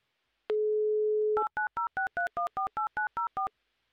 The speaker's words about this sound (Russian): Поэтому мы замолкаем и дозваниваемся в Саратов.